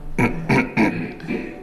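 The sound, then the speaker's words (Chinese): Four short, harsh coughs in quick succession, the first three evenly spaced and loud, the last one a bit softer after a brief pause, with no talking. “你咳嗽什么呀？”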